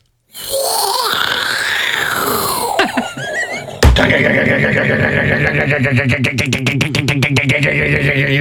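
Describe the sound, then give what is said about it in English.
A voice imitates a fighter jet going away, with a loud, whooshing, gliding pitch that sweeps up and then falls. It then switches abruptly to a fast, rattling burst of rapid pulses mimicking a jackhammer going into the ground digging up the road. “The first thing was my plane fighter jet going away. And then the second thing then was the jackhammer going into the ground digging up the road.”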